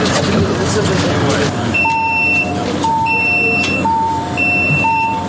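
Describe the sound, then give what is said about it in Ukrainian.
A patient lift platform on a resuscitation ambulance bus for military medics in Ukraine, raising smoothly and rated for up to 500 kilograms, with a steady mechanical hum and a repeating two-tone electronic warning beep every second or so, over busy background noise. “Ці платформи дуже плавно підіймають пацієнтів, бо для деяких це може бути важливо, плавне підняття.”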